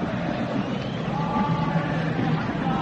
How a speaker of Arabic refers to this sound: بينما هذه الجماهير الأهلوية الحاضرة هنا.